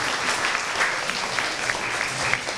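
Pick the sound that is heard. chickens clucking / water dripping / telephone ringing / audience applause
audience applause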